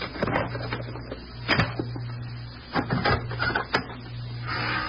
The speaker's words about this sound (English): Keep back. I'm going to use the pass key.